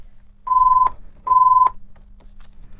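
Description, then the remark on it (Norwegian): A telephone rings during a bingo game with two steady electronic tones, each lasting under half a second and separated by a short gap, fairly loud, with only a faint low hum behind them. “Og der ringer det.”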